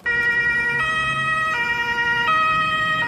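A loud ambulance siren alternates between two tones in a steady hi-lo pattern, switching roughly every three-quarters of a second, with a low traffic rumble underneath and no voices.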